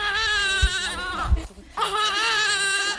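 A month-old baby girl at an orphanage wails continuously, with loud, strained cries that pause only for a quick breath before starting again. Faint thumps sound underneath.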